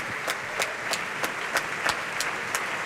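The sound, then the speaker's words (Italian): Sustained applause from a large opera audience at the end of a performance, with the orchestra of the Teatro dell'Opera di Roma also applauding; a dense hiss of many hands clapping at once, with sharper beats standing out at a steady, regular pulse. Nobody speaks. “Gli applausi, applaude evidentemente anche l'orchestra.”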